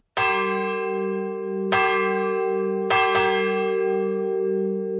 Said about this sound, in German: Die Wölpersbacher Glocke, ein Gemeinschaftsprojekt seit 25 Jahren.